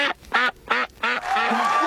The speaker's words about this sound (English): It's a duck. It's a duck.